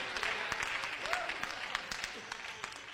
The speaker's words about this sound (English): And I just wish somebody would clap your hands and say, I'm using the now faith, Pastor.